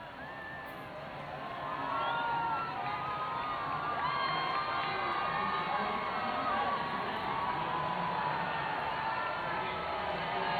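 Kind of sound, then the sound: crowd, crowd shouting and chanting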